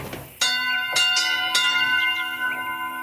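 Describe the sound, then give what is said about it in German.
Church bells ring out from one of the bell towers of the village of Marienthal, several loud strikes in quick succession with long shimmering overtones that overlap and hang in the air, clear with no talking. “Also hier ist der Glockenturm.”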